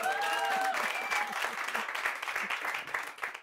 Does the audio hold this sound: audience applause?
yes